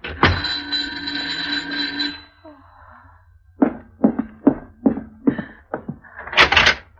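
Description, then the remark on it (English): Someone is at the door and it is answered: a long buzzing, creaking sound, a pause, then a quick run of sharp thuds like footsteps, ending in a brief bright scrape as the door opens. No one speaks. “Someone's at the door. All right, get hold of yourself and answer it.”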